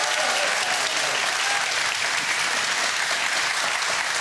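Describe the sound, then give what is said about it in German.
A studio audience claps steadily for two studio contestants, a dense, even wash of applause that holds at full strength for a few seconds without letting up. No one speaks over it. “So, und das Studiopublikum hat vorher geübt und die sind jetzt wahnsinnig begeistert dabei mit einem Applaus für unsere beiden Studiokandidaten.”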